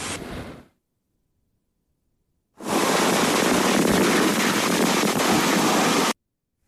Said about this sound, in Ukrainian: Гроза, дощ, вітер здійнялися після кількох днів спеки у Львові.